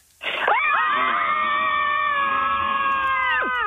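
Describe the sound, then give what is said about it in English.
Several women scream together at once on a count of three, a loud, sustained chorus of overlapping high-pitched voices that bursts in abruptly and holds steady for a few seconds. “Join us for Scream Club. Girls, on the count of three, let it all out.”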